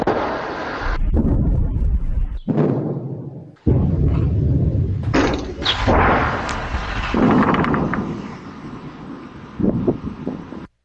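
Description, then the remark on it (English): Two deep, heavy booms roll through one after the other, each followed by a long rumbling echo, with gusty wind noise buffeting the microphone throughout. No voices are heard. A meter-wide meteor exploding in the sky over Massachusetts with an estimated force of 300 tons of TNT, heard along the US East Coast and recorded on security camera. “Turns out that noise, yes, you know it, a meter-wide meteor exploding in the sky somewhere over Massachusetts with a force equal to, according to estimates, 300 tons of TNT.”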